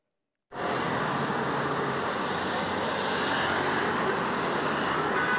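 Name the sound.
busy street traffic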